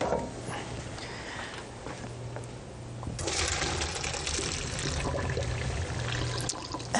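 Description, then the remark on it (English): Water pours from a pot into a colander in a sink, a steady splashing rush that swells louder partway through and keeps gushing to the end, with no talking. “I'm just going to drain this in a colander, which I've put in the sink already.”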